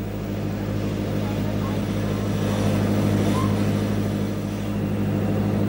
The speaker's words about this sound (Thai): เรือเล็กจึงถูกปล่อยออกไปพร้อมๆกับเชือกอวนเรือต้องวิ่งตีโค้งเพื่อให้อวนล้อมรอบฝูงปลาไว้ภายใน